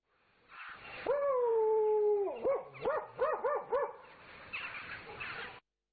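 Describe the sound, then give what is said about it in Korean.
A puppy being fed in a yard lets out a drawn-out whine, then a quick run of about six high, yipping barks, followed by fainter scuffling noise. It's clear, with no one talking. “어느 날 이른 아침, 오원장이 마당에서 강아지에게 밥을 주고 있는데 황희정이 대문 안으로 쑥 들어섰다.”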